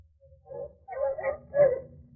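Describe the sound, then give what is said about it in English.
Several bloodhounds let out a few short, mournful bays and yelps in quick succession, fairly faint, with no one talking, as they stop after losing a trail in the dark woods. “What's the matter with the dogs, Captain? Why are they stopping?”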